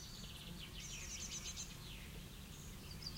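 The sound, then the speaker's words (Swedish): A magpie calls in a quick series of high, chattering chirps, fairly faint, as it flies toward a tree shortly after sunrise, over a steady low outdoor rumble with no voices. “Ja, där kommer skatan. Den flyger mot trädet.”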